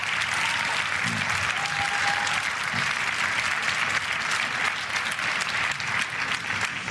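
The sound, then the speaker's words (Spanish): Sustained applause from an audience, dense and steady clapping filling the whole stretch with a few faint voices mixed in, fairly loud throughout. “Muchas gracias por estos aplausos.”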